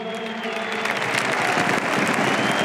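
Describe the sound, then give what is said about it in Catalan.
A crowd applauding steadily to encourage Robert Lewandowski, dense clapping building slightly in intensity, with faint cheering and a held tone running through it; no clear speech. “Bé, el públic que l'ajuda quan no pot seguir amb aquests aplaudiments per animar Robert Lewandowski.”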